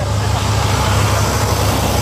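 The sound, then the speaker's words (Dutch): A small tour bus with a flag on it drives past along Ruitersweg in Echt, its low engine drone and broad road noise holding at a constant loud level for the whole two seconds. “Een soort tourbusje.”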